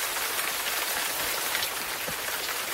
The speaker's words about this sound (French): Mais il y a aussi la pluie tropicale dont vous m'avez parlé, Jeanne Vintram. Cette fois-ci, la pluie équatoriale, elle peut être aussi douce et parfois aussi ravageuse.